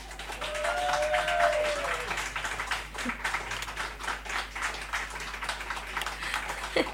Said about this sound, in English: Wait, the radio audience couldn't hear the claps. Let me open this up one sec. Again.